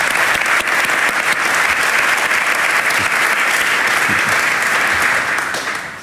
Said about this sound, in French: Voilà, deux joueurs de l'équipe. On peut les applaudir.